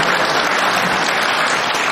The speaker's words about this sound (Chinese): 那个， 这样可以鼓掌。 不用停。